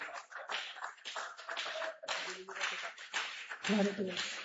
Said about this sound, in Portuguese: Vamos recebê-la com as palmas bem alegres para o Rei Jesus.